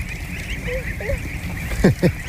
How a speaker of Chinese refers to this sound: 你看这个鹅，它跟我以前见过的都不太一样，头上是亮黄色的，然后就特别漂亮，我可以摸一摸吗？